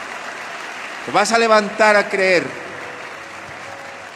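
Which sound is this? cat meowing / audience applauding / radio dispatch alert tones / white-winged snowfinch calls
audience applauding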